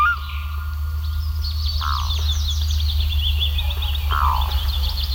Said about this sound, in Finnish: Se tunne, kun istuu järven rannalla valoisassa kesäyössä ja sitten kuikka huutaa järvellä.